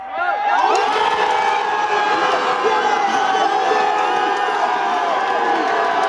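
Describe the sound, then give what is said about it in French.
A large football crowd at the Strasbourg fan zone in the Jardin des Deux Rives roars and cheers continuously, a dense wall of shouting and whooping voices that swells in after a brief quiet start and stays loud throughout. “Ce que vous entendez, c'est l'ambiance de la fan zone de Strasbourg au jardin des Deux Rives.”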